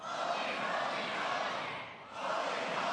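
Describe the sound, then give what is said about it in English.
An audience screams and shouts together at full volume in a dense, sustained roar, answering a call to get louder and scream, dipping briefly near the end before surging back up just as loud. “Louder. Louder. Louder. Scream!”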